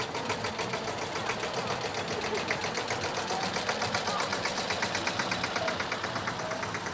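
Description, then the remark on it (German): A tractor engine chugs steadily throughout at a Volksfest in the Hübental, its rapid, even knocking pulse holding a constant pace and loudness as it idles or runs. “Hierher darf kein Auto und schon gar kein Trecker fahren. Aber heute ist Volksfest und fast alles erlaubt.”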